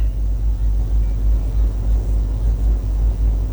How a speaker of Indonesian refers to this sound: terpantau arus lalu lintas dari arah Tugu Banjarbaru menuju dalam kota Banjarbaru maupun dari dalam kota Banjarbaru menuju arah Martapura. Terpantau situasi arus lalu lintas ramai, lancar, terkendali, didominasi kendaraan roda 4 maupun roda 2.